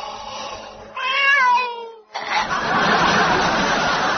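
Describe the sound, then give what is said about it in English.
A single drawn-out, wavering meow from a very ill-looking cat in a backyard rings out loud for about a second, then gives way to a sustained rush of broad, hissing noise. “until he go to backyard, where is cat, who look very, very ill.”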